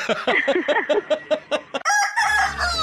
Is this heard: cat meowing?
no